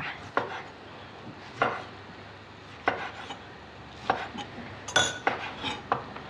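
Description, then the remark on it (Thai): A spoon clinks and scrapes against a dish while fried shallots and fried garlic made earlier are spooned in, one more spoonful added: about eight sharp taps at uneven intervals over a low background hum, with no talking. “ตอนนี้เราจะเอานี้มาเทใส่นะ อ๋อก็เอาของที่เราเจียวเทใส่ลงไปทั้งหอมเจียวทั้งกระเทียมเจียวที่เราทำเอาไว้ค่ะแค่นี ้ไปอีกช้อนนึง ช้อนนึงค่ะ”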